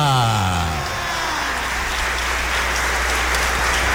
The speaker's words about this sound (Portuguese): Mais forte as nossas palmas, a nossa mãe querida! Viva Nossa Senhora Aparecida!